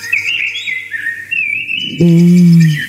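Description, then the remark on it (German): A common blackbird in Bavaria, Germany, sings clear, fluting, warbling phrases for a couple of seconds; then a loud, low sustained tone abruptly takes over and the song fades beneath it. “Wie die singen, die Amseln im Freistaat.”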